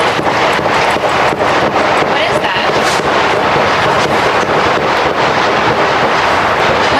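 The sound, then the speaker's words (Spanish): Sharp gunshots crack outside the White House, the official residence of US President Donald Trump, in rapid, irregular succession, a dense string of bangs over loud, steady wind-like noise and a murmur of voices. “Este es el momento en el que una reportera de la cadena de televisión NBC, que preparaba su crónica para el informativo de la tarde, ha escuchado los disparos.”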